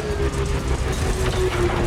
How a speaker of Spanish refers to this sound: La luz del aerodeslizador distante se hace más grande a medida que se acerca.